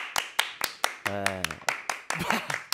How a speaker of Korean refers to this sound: 야, 화면 밖으로 나가서까지 박수를 또.